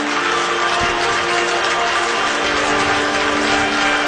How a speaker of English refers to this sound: Georgia fans getting to their feet, including a bunch in Aoki jersey t-shirt, standing, clapping, trying to will him through this sixth inning, keep it a two-run deficit.